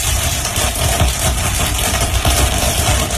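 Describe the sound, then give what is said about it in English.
A sped-up recording, made in a cornfield, of corn plants crackling as they grow, several hours condensed into a few seconds: a dense, steady stream of tiny pops, from tiny fractures as the plants stretch, break and grow, blurs into a continuous rustling rumble with no pauses and no voices. “Researchers think the crackling noises occur because of tiny fractures from the corn plant stretching, breaking, and growing.”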